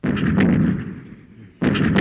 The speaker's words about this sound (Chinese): 听见炮声了吗？